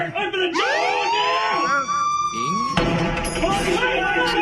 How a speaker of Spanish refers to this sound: Va a llegar la migra aquí, señores, señores. Efecto de... ¿Esos güeyes no ponen sirenas o sí?